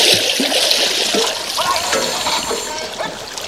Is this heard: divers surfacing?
yes